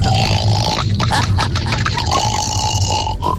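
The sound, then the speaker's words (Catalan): A person on a radio phone-in imitates a pig with a continuous run of low, rough, grunting snorts, loud and steady for a few seconds with no other talk over it. “avui el … es farà el porc.”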